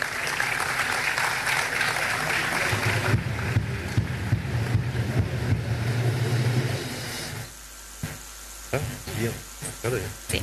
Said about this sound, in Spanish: fuertes los aplausos.